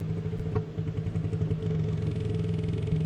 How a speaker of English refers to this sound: Loudest animals clicking at 230 dBs.